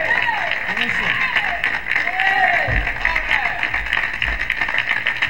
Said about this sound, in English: together and get a band a nice round of applause.